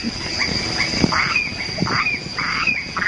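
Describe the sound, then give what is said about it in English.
A steady, shrill drone of crickets and cicadas hangs over a night chorus while frogs croak in quick, repeated bursts, the calls overlapping continuously with no voices present, on Stirling Island in the Treasury Group. “Here they are. The crickets, the frogs, the cicadas and all their brood.”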